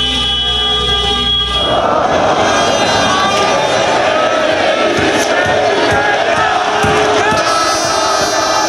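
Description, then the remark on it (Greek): A large crowd of Olympiacos fans in the Municipal Theatre of Piraeus shouts and cheers without pause, celebrating the team winning the European title for the fourth time. A dense, loud roar of voices swells after a brief opening of steady horn-like tones and keeps going to the end. “Στο Δημοτικό Θέατρο Πειραιά ο κόσμος δεν σταματά να φωνάζει.”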